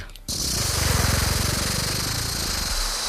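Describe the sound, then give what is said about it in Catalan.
A voice imitates a rattlesnake's rattle: a steady, buzzing hiss with rapid fluttering pulses that starts abruptly after a brief pause and keeps going fairly loud to the end. “Anem, una serp?”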